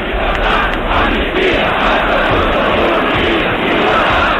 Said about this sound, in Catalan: Hi havia un crit solemne que tothom deia pels carrers de llibertat, amnistia i estatut d'autonomia.